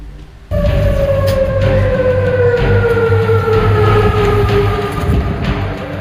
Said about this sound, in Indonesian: Suara sirine peringatan menggema di berbagai kawasan di ibu kota Yordania, Amman, saat militer Yordania mengumumkan berhasil mencegat tiga rudal balistik Iran.